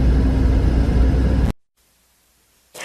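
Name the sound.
cars idling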